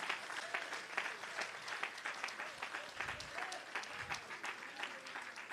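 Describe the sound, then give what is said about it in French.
An audience applauds steadily for several seconds, many hands clapping in a dense, continuous patter with no pause. “Non, mon Dieu, un gros applaudissement, moi, à ce soir.”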